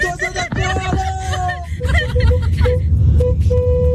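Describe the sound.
A car horn honks in a run of loud, sustained tones that shift pitch, then sounds shorter repeated blasts on one steady note, with a low rumble and murmuring voices underneath.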